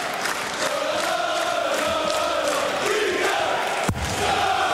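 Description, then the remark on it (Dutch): A large darts crowd roars and chants steadily throughout a match between Jason Rietke and Sedlacek, as Rietke goes for 25 to level at 5-5 and force a deciding leg; a loud sustained wall of cheering voices with a sharp thud near the end. “En het publiek dat wil wel.”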